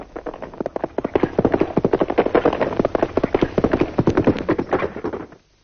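Rapid, rhythmic hoofbeats of the fastest horses, saddled and galloping in pursuit of a stagecoach, a dense drumming of many quick thuds that runs for several seconds, then stops abruptly.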